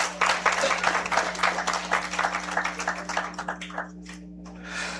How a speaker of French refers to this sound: on applaudit tous les dignitaires qui sont dans la salle, s'il vous plaît.